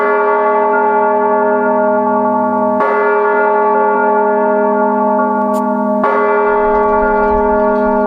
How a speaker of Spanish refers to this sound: la UNESCO inscribió el toque manual de campanas en España en la lista representativa del patrimonio cultural inmaterial de la humanidad